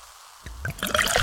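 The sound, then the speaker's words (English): Pepsi Zero Sugar cola pours into a glass, starting with a sudden splash and building into a steady fizzing gurgle that keeps running to the end, with no voices. “Listen to that endless pour.”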